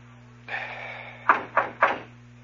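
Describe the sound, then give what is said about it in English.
Three sharp, evenly spaced knocks on a store door, preceded by a brief shuffling noise, with a steady low hum running underneath. “Okay, knock. Oh, I listen. Go on, knock.”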